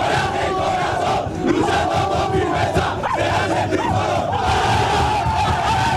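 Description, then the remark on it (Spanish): The Málaga football team roars a rallying cry in its locker room, many male voices shouting together at full volume, overlapping yells rising and surging in a dense, continuous clamor for several seconds. “Creo que era … el último que daba ese grito de aliento.”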